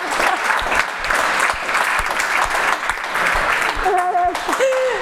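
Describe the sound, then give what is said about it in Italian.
Sustained audience applause for a dancer's answer about an inclusive dance, a dense, steady wash of many hands clapping for about five seconds, with a few voices calling out and a brief sung or whooped tone near the end. “Bella ragazzi, un applauso su questa.”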